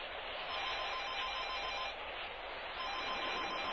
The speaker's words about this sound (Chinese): 电话一定是我妈妈打来的。